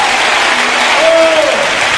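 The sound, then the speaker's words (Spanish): Loud, sustained applause in praise of God from a large audience fills the space, a dense steady wash of clapping with a brief tonal whoop or cheer rising over it midway. “¡Un aplauso fuerte a Él!”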